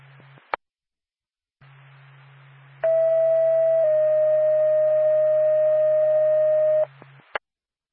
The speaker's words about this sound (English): NORPAC, Lancaster Ambulance, standby for tone.